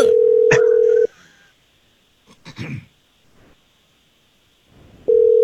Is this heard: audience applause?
no